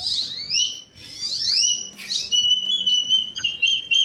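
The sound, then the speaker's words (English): An 11-year-old boy imitates great-tailed grackle calls: a run of shrill, rising whistles and squeaky sweeps, ending in a long, piercing sustained whistle, loud with no talking. “so what is your favorite bird to imitate? The great-tailed grackle.”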